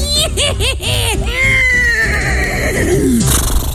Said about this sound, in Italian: Potete lasciare un messaggio dopo il nitrito acustico.